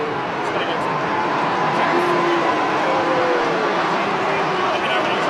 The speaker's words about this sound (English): Why are they booing? I'm not sure what because of how slow he's taking to come off? Or is that what they're booing him for? I think so, but I think he can jog off, you know.